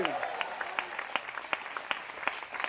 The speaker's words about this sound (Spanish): Dele un aplauso fuerte al Señor. ¡A su nombre! ¡A su nombre!